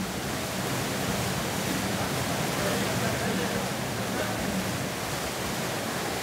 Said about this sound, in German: Hubschraubergeräusche. Wenn die Gruppe jetzt strampelt, könnte sie aus der Luft gesehen werden.